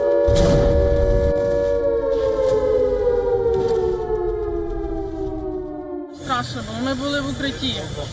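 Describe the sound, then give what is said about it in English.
A loud air raid siren wails steadily at night in Kyiv, Ukraine, during a missile and drone attack, its tone slowly sliding downward, with low rumbling thuds early on; a person starts speaking near the end as the siren continues. “Buildings are damaged, emergency crews race through the capital as air raid sirens cut through the night.”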